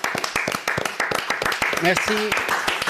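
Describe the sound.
A standing audience applauds steadily, a dense patter of many hands clapping throughout, with a voice or two briefly calling out partway through.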